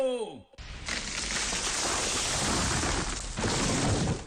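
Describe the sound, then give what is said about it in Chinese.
A large tree crashes down: a short creaking groan gives way to a loud, sustained roar of snapping and rushing branches, surging once more before it cuts off. “每次抽纸的背后都有电锯和大树倒下的声音。”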